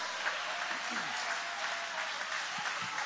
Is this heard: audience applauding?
yes